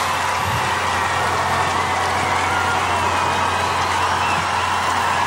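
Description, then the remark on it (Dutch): A dense, steady wash of audience applause and cheering for a 21-year-old singer and his full band after his hit song, loud and continuous without clear breaks, with scattered whoops blended into the roar and no speech over it. “Hoor dat applaus.”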